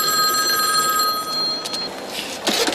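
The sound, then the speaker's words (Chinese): A public payphone at a designated phone booth rings continuously with a bright, metallic trill, fairly loud, as Simon calls again with new instructions; no voices over it and a burst of noise near the end. “当他们回到警局时，西蒙又打来电话，他对发生的一切了如指掌，并且命令他们到达指定地点接受新的指令，而且又命令他们到达指定的电话亭，随后呢，在这儿发出了第三道指令，否则将在地铁上引爆一枚定时炸弹。”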